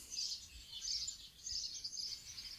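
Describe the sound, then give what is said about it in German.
Birds chirping and twittering outdoors in the evening sun at a street corner in front of the church of Döblitz, a dense, continuous chorus of high calls, with faint low background rumble and no voices. “Die Vögel zwitschern hier in der abendlichen Sonne, Ecke Kastanienweg vor der Kirche von Döblitz.”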